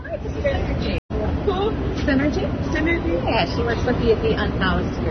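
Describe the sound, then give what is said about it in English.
Dense crowd hubbub fills a large reverberant hall with vaulted gold-leaf ceilings and a white granite floor, many overlapping voices of travelers heading to trains and buses in a historic station near the U.S. Capitol, with low rumbling background noise and a brief dropout near the start. “Under vaulted ceilings decorated with gold leaf, travelers bustle towards trains and buses.”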